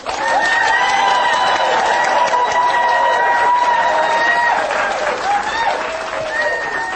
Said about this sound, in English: Yeah, you're clapping for me, but I'm not clapping for you. Does you that never say do. Something? You never clap for me.